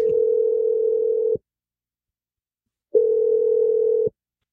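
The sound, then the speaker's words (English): A telephone ringback tone while a radio show, Brooke and Jeffrey in the Morning, calls someone: two long, steady electronic tones, each about a second and a half, separated by a pause of silence. Clear, with no voices. “So let's dial Ramona's phone number and see if she answers.”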